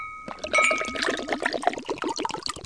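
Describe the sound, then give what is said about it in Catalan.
Mistela liquor made in Pego is poured into a glass in a steady, gurgling stream for about two seconds, with a faint glassy ring at the start and no voices. “Doneu-li un glopet de mistela que baixa l'arròs.”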